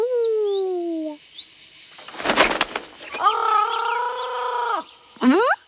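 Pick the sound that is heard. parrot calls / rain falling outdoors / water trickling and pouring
parrot calls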